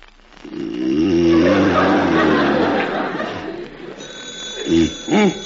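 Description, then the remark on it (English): A telephone rings with a bright, steady tone that starts partway through, after a stretch of loud rattling, clattering noise mixed with voices, and short vocal bursts sound over the ringing. The ringing phone wakes a sleeping man, who first takes it for the alarm clock. “Put down the alarm clock. It's the phone.”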